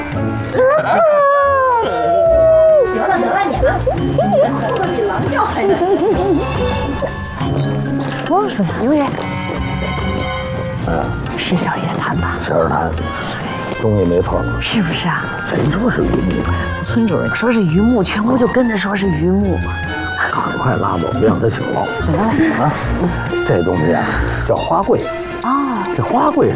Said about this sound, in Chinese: 得了，得了，你们哭的比狼叫还难听。